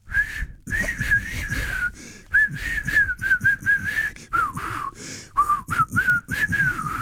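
A person whistles a tune in a series of short, breathy phrases with brief gaps, the pitch wavering as if struggling, fairly loud with no one speaking.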